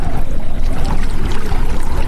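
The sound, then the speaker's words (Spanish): Water flows steadily, a continuous rushing, churning wash with no pauses and no voices over it. “¿Escuchas el agua, el viento, una voz que te llama?”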